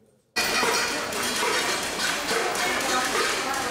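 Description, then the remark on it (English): Residents of Havana, Cuba, bang pots and pans from inside their homes in protest over prolonged power outages: after a brief quiet start, a loud, dense wall of overlapping metallic clanging kicks in abruptly and keeps up without a break. “Residents were heard banging pots and pans from inside their homes.”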